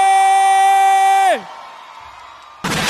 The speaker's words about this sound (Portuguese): palmas, faz barulho aí!